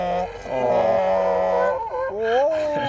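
Several dogs howl together in a sustained, wavering chorus, their long tonal cries rising and bending in pitch, steady and fairly loud throughout.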